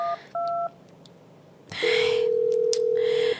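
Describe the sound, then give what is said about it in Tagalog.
Two quick keypad dialing beeps, then a steady, unbroken electronic tone from an outgoing phone call that rings on with no answer. Clear over faint hiss, with no voices. “Wala, ginisaban ni Jengrix ang phone niya, oh? Siguro busy siya katama.”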